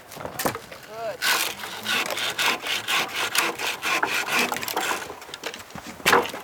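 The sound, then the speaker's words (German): A hand saw rasps through wood, cutting protruding branches off tree trunks lying across a path in a burned forest, in a steady back-and-forth rhythm of bright, gritty strokes, with a few short voice-like bursts near the start. “sägt von den Baumstämmen, die quer über den Weg liegen und nicht umgangen werden können, die abstehenden Äste ab.”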